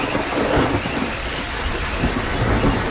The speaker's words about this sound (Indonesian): Tadi hujan, hujan lebat lah tadi. Dengan ada bunyi guruh bagai.